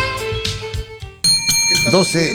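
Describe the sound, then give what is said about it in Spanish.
A bright bell rings out with sustained, shimmering tones for the radio segment 'El timbre de la verdad', swelling louder midway through, while a voice briefly sounds over the ringing near the end. “El timbre de la verdad está aquí, blanco y negro.”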